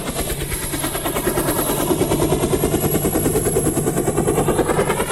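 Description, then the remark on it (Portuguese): A news reporting helicopter running, its rotor producing a rapid, steady chopping thud over a loud turbine whine and a high-pitched hum, continuous and unchanging throughout with no voices. “Aí as turbinas do helicóptero.”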